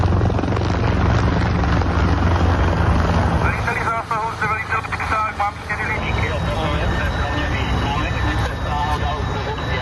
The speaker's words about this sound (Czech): Jedná se o požár výškové budovy průmyslové, hoří nám 8. 9. patro. Letí nám sem vrtulník s bambivakem.